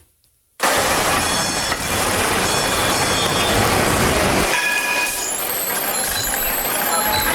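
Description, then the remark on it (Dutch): A tram passes by on a city street, a loud, steady rumble of wheels on rails with high metallic squeals ringing above it, and busy street noise around. “Dat moet een tram zijn.”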